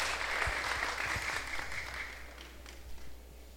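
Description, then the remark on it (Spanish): A church audience applauds together after a blessing, a dense, steady wash of many hands clapping at moderate volume that thins slightly toward the end, with no voices standing out. “Y el paradero, el aplauso, que Dios les bendiga.”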